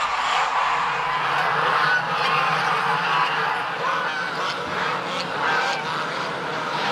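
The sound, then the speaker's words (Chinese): Geese honk loudly and repeatedly in a dense, overlapping chorus as a chef catches large mature female geese in Lingtang; harsh nasal calls are sustained throughout at a steady, busy level with no pauses. “好，走了，来，我抓了一个大母鹅，三天的鹅，抓了一个大老鹅，抓两个。”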